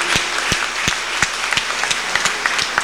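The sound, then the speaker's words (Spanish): A crowd applauds steadily and loudly at an annual September 20 thanksgiving for their patron saint, welcoming the brethren who arrived safely, many hands clapping at once in a dense wash, with a few sharper claps standing out at a rough regular beat. No one speaks over it. “Tenemos un fuerte aplauso, que los hermanos vinieron sin ninguna novedad.”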